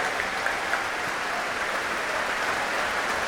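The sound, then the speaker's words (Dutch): A large concert audience applauding steadily for solo oboist Alexei Ogrinchuk, a dense wash of clapping hands that stays evenly loud throughout, with no voices over it. “Groot applaus nu voor Alexei Ogrinchuk, de solo-oboist.”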